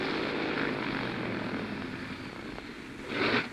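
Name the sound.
propeller airplane engine sputtering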